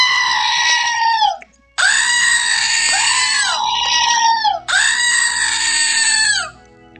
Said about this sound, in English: I just opened something I got from my sister in the mail, and yes, it's another screaming goat. So now I have screaming goats in stereo.